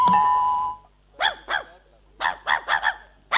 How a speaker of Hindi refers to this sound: अरे ये कुत्ता, अरे अरे देखो तो, अरे हाँ। कौन है, क्या हुआ? ये कुत्ता तो सर दर्द बन गया, दूर अब पता नहीं क्या हुआ।